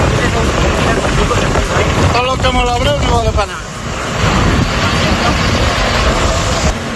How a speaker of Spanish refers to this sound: La escena que escuchas es la de una columna de tractores que avanza intentando crear nuevos cortafuegos